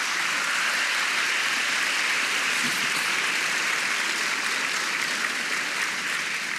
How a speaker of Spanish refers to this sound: De un aplauso al Señor.